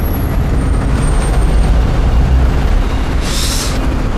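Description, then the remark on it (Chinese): Heavy engine rumble of idling traffic in a traffic jam fills the scene, and near the end a bus's air brakes release in one sharp, hissing burst. No one speaks. “前面堵车了，还要怎么办呀？”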